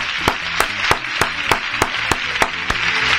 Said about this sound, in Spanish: ¿El aplauso para ellos? Aplauso para ellos. Ahí está, muy bien.